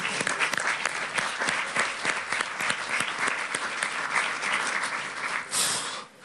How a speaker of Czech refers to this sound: Já myslím, že si můžete zatleskat.